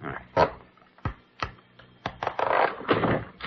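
A handful of sharp wooden knocks and taps, spaced irregularly, followed by a longer stretch of scraping and rattling as a false bottom is pried free from a desk drawer with a letter opener. No one speaks.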